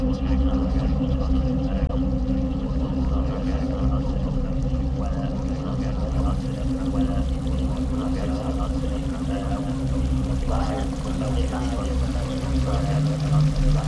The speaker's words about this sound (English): And now it reached the edge of the cliff, and there was a small pool where the glacier was melting at the front, where it was just starting to go down a waterfall.